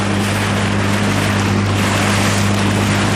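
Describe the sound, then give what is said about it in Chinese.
A kayak moving across Zhari Namco, a salt lake in Tibet, toward an island in the lake, with a steady wash of rushing water and wind over a constant low droning hum, continuous, with no voices. “乘坐皮划艇前往湖心岛需要30多分钟。”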